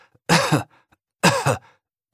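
A child gives deliberate coughs on command for a paediatrician listening with a stethoscope in the consulting room: two loud, breathy bursts, each with a double pulse, separated by a short pause, with a third starting at the very end.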